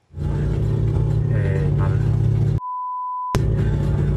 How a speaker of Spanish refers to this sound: el auto que seguía encendido por poco se va solo